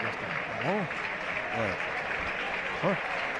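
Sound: football stadium crowd applauding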